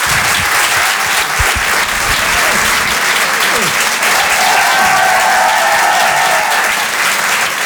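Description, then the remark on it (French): Sustained audience applause for comedian Antec on Rire et Chanson, a dense steady roar of many hands clapping at full loudness throughout, with a few faint whistles and cheers rising over it. “je vous demande de l'applaudir, de l'encourager lui aussi.”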